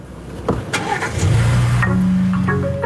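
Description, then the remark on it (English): A car engine, just unblocked from its anti-theft start-inhibit mode with a code from a phone app, cranks with a few clicks and whirs, then catches and settles into a steady low idle hum that continues to the end. “Once in that start inhibit mode, the car won't turn on for anyone.”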